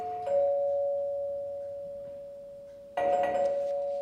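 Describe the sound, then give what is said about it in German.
A doorbell at the door chimes twice: a sustained ding-dong tone that rings out and slowly fades, followed by a second ring near the end, clear with no talking. “Das hat gerade an der Tür geklingelt.”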